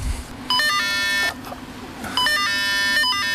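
Two short bursts of electronic beeping tones from a cable car ticket gate as tickets are scanned, with a bell ringing, bright and chime-like, over a steady low background hum, with a brief pause between them.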